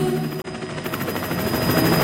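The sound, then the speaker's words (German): Federal police helicopters practicing formation flight pass overhead in Hamburg, the rotor beating in a fast, steady chop over a dense engine roar. The sound stays loud and continuous throughout, with no voices. “Hubschrauber überall, und zwar alle 10 Minuten.”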